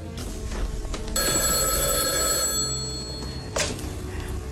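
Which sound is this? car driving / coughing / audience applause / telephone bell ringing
telephone bell ringing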